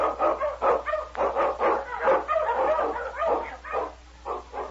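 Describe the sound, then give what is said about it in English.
Sled dogs led by Dog King, an Eskimo lead dog, bark in a rapid, excited chorus while blazing a trail through storm and snow in the Yukon, the yelps coming in quick overlapping bursts without pause for several seconds, loud, with no talking. “Dog King, swiftest and strongest of Eskimo lead dogs, blazes a trail through storm and snow for Sergeant Preston as he meets the challenge of the Yukon.”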